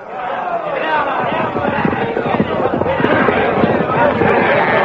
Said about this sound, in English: With shouts and confusion, the Blue Magic Army charges to attack the barricaded Hawkmen.